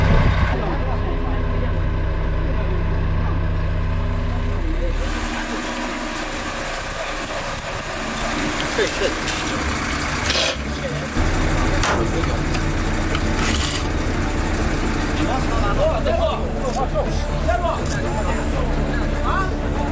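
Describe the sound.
Heavy diesel engines from a large crane and a heavy-load truck idle in a steady, loud low rumble at an ancient tomb, where a coffin is lifted from the narrow tomb passage entrance onto the truck, with a shift in tone after a few seconds and faint voices around them.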